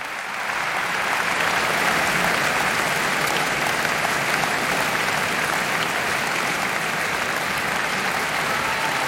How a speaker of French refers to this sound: Bien plus qu'une sonate, une balade fantastique, Brahms explose le cadre de la forme bien connue, de la forme sonate, dans ces quatre mouvements de cette sonate en fa dièse mineur, opus 2, joué par Beatrice Arana, copieusement applaudie.